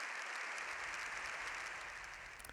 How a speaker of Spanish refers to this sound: León XIV ha salido del hemiciclo tras más de 7 minutos de aplausos y gritos de "¡Viva el Papa!". Es la ovación más larga que se recuerda.